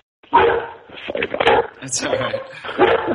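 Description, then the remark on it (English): Dogs barking loudly in a rapid, overlapping flurry of sharp barks, four or five bursts in quick succession, with no pause between them. “The funny thing is they're like incredibly noisy, and then as soon as someone opens the door, they're like, please pet me, let me look at this.”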